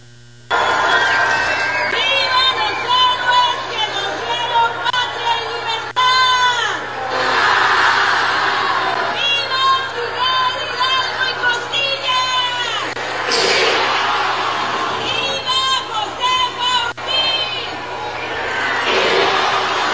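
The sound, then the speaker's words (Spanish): A large crowd cheers loudly at an Independence Day grito in Baja California, voices rising together in repeated rallying shouts of vivas and swells, dense, continuing almost without pause for about twenty seconds. “usó una grabación para que los vivas no sonaran tan flacos.”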